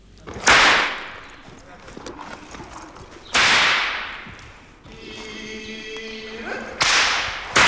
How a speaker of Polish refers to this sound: Dajcie mi moje narzędzie. Gdzie są moje baty? Jeden, jeszcze drugi.